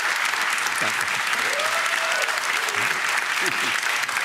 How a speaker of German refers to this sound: Guck mal, der Applaus spricht für sich. Dankeschön.